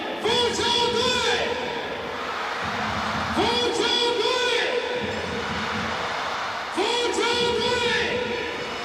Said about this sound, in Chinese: 从这个现场我们能感受到这个现场的这个球迷还不断为自己的主队去呐喊。 是 福州队的这个球迷， 福州队的球迷就号称战斗队啊。